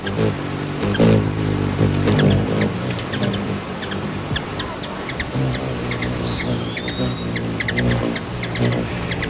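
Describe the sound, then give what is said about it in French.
Bird wings beating in a fast, steady whir, a low buzzing hum much like a small motor, with scattered sharp clicks and one brief high whistle near the end. “Donc là, on entendait des ailes battre”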